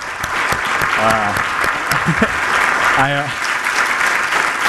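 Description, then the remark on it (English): A crowd applauds the Land Bank staff steadily for the whole stretch, a dense, loud patter of many hands clapping, with a few short voiced shouts or whoops rising over it. “If we could just get a round of applause.”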